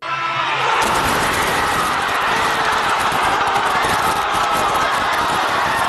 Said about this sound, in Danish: Og vi kan lige høre, hvor meget jubel finalepladsen udløste i den argentinske hovedstad Buenos Aires.